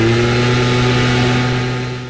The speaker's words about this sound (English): So let's compare two noises that can emit the same decibel level. A pedal harp crescendoing in Tchaikovsky's Waltz of the Flowers. And a gas-powered leaf blower.